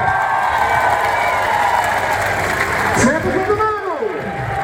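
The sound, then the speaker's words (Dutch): A large crowd cheers and applauds in a steady, loud roar throughout as the players of Amsterdam, newly crowned Dutch national champions, are announced one by one at the match in Den Bosch; a single voice calls out over the noise, its pitch swooping up and down toward the end. “Dames en heren, veel applaus voor de volgende speelsters.”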